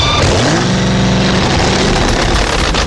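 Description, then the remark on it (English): A 2,000-horsepower supercharged drag racing engine in a fiberglass Chevrolet Vega, running on high-explosive exotic fuel, revs hard, its pitch sweeping up then holding in a loud, rough roar before dropping back, with no talking. “Put in a 2,000-horsepower supercharged drag racing engine, pour in high-explosive exotic fuel, cap it quick, then climb into the driver's seat and ask yourself, what in the hell am I doing here?”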